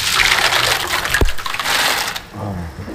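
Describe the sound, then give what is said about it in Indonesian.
Loud, dense sizzling and crackling of kerupuk puyur crackers frying in plenty of very hot oil and pressed down into it, a steady bubbling hiss with a sharp clatter midway, easing slightly toward the end. No voices. “Untuk menghasilkan kerupuk puyur yang gurih dan renyah, perlu minyak yang banyak dan benar-benar panas.”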